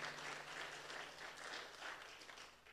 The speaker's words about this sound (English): Give the Lord a hand clap, would you please? Yes, indeed. He's coming back.